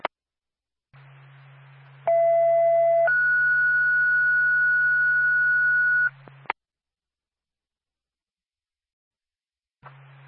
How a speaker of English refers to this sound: Twin City to Woodsville Ambulance Backup. Stand by for tone.